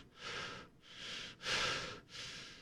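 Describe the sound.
A voice imitates the heavy breathing of a sleeping woman: four slow, breathy in-and-out pulses, airy and hissing, with no words spoken.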